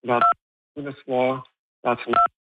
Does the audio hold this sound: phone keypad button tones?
yes